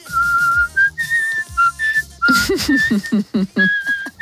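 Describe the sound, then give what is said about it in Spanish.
A person whistles a lively melody, clear pure tones stepping between pitches in short phrases, with a breathy, voiced hum-like undertone joining in partway through. “Mira, para la banda del patio se puede venir, por lo bien que silba.”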